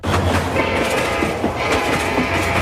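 A train rumbles past, a steady loud roar with irregular metallic clacks of wheels over rail joints and a low mechanical hum underneath, no voices.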